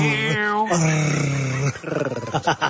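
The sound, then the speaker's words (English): A man growls loudly, a drawn-out rumbling vocal imitation of an animal's snarl that tails off into a few short, breathy grunts. “Not, there's not much doing in my relationship department at the moment, but you growling like that is so off-putting.”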